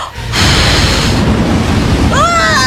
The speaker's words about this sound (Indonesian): Wah, dari kuncup bambu keluar angin. Yes, raksasanya kepental.